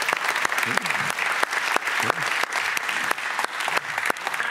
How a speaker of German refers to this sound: dein Applaus.